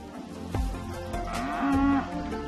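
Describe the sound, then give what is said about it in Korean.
A Highland cattle calf, of the Highland breed from the Scottish Highlands, lets out one drawn-out moo that rises toward its end, against a light outdoor background with no one talking. “평범한 송아지도 충분히 귀엽지만 여기 가장 귀여운 송아지 품종이 있어요.”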